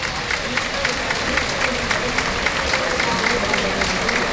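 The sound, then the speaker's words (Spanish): A large bullring crowd on a hot, humid day applauds steadily in a sustained ovation as Diego Ventura comes out to salute the president, dense clapping rising to a broad, continuous roar with scattered cheers, and a voice talks faintly over it. “Con esta ovación que oyen de fondo, saluda al presidente.”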